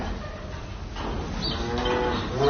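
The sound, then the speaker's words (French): A cow on a farm moos loudly, a long low drawn-out call with rising harmonic tones that swells toward the end, with no one speaking. “Et les vaches, qu'est-ce qu'elles vont devenir du coup si...”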